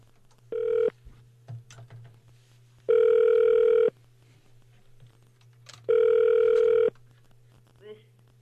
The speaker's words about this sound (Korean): 기쁜 소식 한번 제가 전화 연결해서 얘기 한번 들어보도록 하겠습니다.